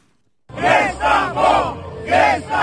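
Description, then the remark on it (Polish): An agitated crowd of protesters in front of the Constitutional Tribunal in Poland, scuffling with police, shouts in loud, rhythmic bursts, about four surging chants or yells over a dense background roar, starting abruptly after a brief silence. “Wzburzony tłum protestujących przed Trybunałem Konstytucyjnym i przepychanki z policją.”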